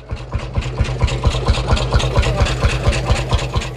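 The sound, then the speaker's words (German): A Lanz Bulldog single-cylinder tractor engine chugging steadily not far from the Baltic Sea coast, with a loud, regular low thumping beat of about seven pops per second, continuous throughout, with no voices. “das ist doch ein Trecker. Ich glaube, das ist ein Lanz Bulldog. Das ist ein Einzylinder. Das ist dieses tuckernde Geräusch.”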